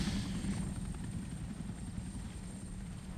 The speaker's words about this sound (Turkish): Işıkları söndür. Helikopteri buradan gönder.